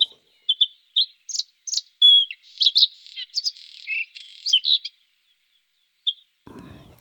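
A songbird sings a lively, varied run of high chirps, whistles and trills, clear with no other voices, then falls quiet before a brief low rustle at the end.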